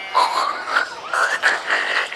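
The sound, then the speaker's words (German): A voice imitates a pig with a couple of seconds of wheezy, nasal, high-pitched squealing noises that rise and fall in uneven bursts, heard alone without any talk. “Klingt jetzt aber eher nach Schwein. Soll's ja auch, Conny Computer.”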